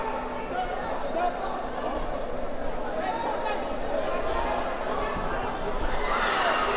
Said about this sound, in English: And the crowd cheering in every punch at the end of this round.